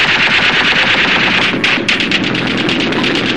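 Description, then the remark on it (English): Sustained bursts of rapid machine gun fire rattle continuously, dense and loud, with overlapping shots forming a harsh, crackling roar and a brief lull midway before the barrage resumes. It is a street battle in Budapest during the Hungarian rising, after the government called in Russian tanks. “But as the rising took shape, the government called in Russian tanks, and battle was joined.”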